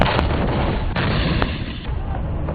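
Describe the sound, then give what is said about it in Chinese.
Artillery firing in a night live-fire drill by an artillery unit of a brigade of the Chinese Army's 83rd Group Army: a heavy, continuous rumbling roar punctuated by several sharp cracks spaced irregularly, loud throughout, with no voices. “夜幕低垂，陆军第83集团军某旅炮兵分队夜间实弹演练正式展开，各战炮班组隐蔽开进”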